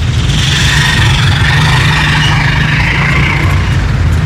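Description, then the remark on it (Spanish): A continuous, steady low rumble of vehicle engines idling in stalled traffic, with a broad hum of further traffic and no one speaking. “Ahora es verde acá. Ya se va a trancar nuevamente.”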